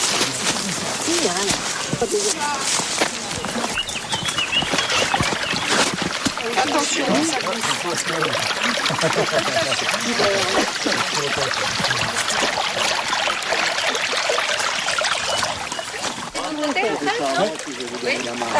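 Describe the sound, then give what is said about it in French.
Steady rushing of flowing brook water fills the whole recording at a constant level, with people talking intermittently over the continuous burble. “Et donc, pour capter l'eau au ruisseau, il a fallu faire des petits aménagements qu'on va aller voir tout de suite.”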